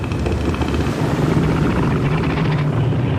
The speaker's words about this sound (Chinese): 雄性北象海豹的叫声各不相同，便于互相识别。其他雄性能通过叫声知道海滩霸主的位置，并主动避开。